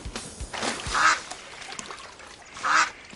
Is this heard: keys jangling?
no